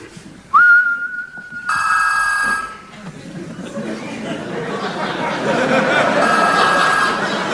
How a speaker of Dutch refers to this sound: En nu, dames en heren, geeft de sleutelhanger, wanneer ik fluit, een signaal af aan de telefoon die vervolgens overgaat. Kijk, en de telefoon is luid genoeg, hè? Die hoor je heel duidelijk.